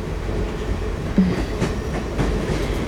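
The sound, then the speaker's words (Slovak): A passenger train rolls steadily along the rails on a journey through Slovakia, its low rumble broken by rhythmic clickety-clack of wheels over track joints, heard from inside a compartment, with no voices. “Ale vždy lepšie ako autobus. Vlak je predsa len pohodlnejší.”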